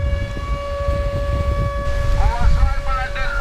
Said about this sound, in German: Luftalarm mitten am Tag am Badestrand von Novorossijsk im Norden der Schwarzmeerküste. Doch viele Menschen bleiben einfach liegen. Dieser Sound scheint hier in diesem Sommer dazu zu gehören. Wind und Meeresrauschen mit heulender Sirene.